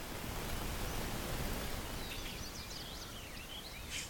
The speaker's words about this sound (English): I like mynoise.net because it's all looped sound generators, and you can animate each slider as a different sound. Like let's turn up these peepers chorus here. Oh, peepers there, and we can turn up the rain on the leaves.